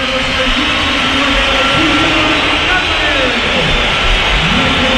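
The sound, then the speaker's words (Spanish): A football stadium crowd whistles in protest during a substitution, as Ademola Lukman comes on and Julián goes off: a dense, steady, high-pitched hiss of many whistles blending with a low roar of voices that holds loud and unbroken throughout. “No, algunos no, la que hay una pitada.”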